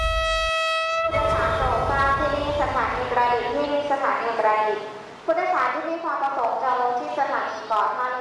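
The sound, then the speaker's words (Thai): A passenger train's horn blares briefly at the start, then voices chatter loudly over the steady rumble of the moving train, which is carrying children on a trip to catch crabs. “กิจกรรมนั่งรถไฟไปจับปูในวันนี้คือห้องเรียนอันแสนสนุกของเด็กๆที่ทุกคนรอคอย”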